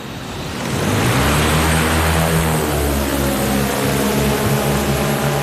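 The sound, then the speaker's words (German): A black, knee-high drone with eight propellers and a case attached spins up on an asphalt lot in Amsteg, from quiet into a loud, steady propeller buzz with layered humming tones, sustained as it lifts off into a blue sky on a test flight, with no voices. “Dann beginnt die Drohne zu surren.”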